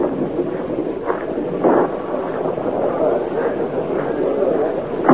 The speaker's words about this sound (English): Well, here comes the rain.